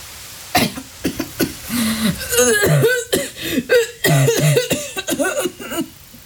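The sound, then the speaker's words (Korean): A woman's persistent coughing fit, fairly loud: a long run of harsh, hacking coughs in quick uneven bursts, with strained voiced gasps between them and barely a pause for several seconds. “처음엔 연기 때문인가 싶어 그녀를 올려다봤는데 한 번 터진 기침은 그칠 줄 몰랐다.”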